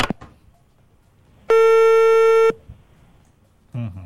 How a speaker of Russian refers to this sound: Так, ну что, мы ждем. Есть ли гудки? Есть. Отлично.